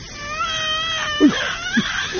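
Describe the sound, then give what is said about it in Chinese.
A hungry baby cries in a long, wavering high-pitched wail, followed by a few shorter, sharper sobbing bursts. The crying is fairly loud and alone, with no talking over it. “哎呦，吓着你了，宝贝儿，是不是？哎呦，宝贝儿是饿了。”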